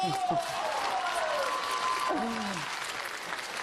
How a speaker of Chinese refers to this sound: 音乐请，掌声继续啊！